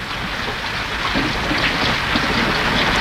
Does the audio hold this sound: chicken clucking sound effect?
no